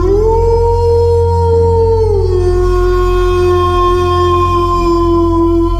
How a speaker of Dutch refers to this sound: een echte wolf door je radio.